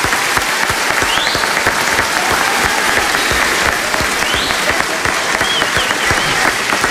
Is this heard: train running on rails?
no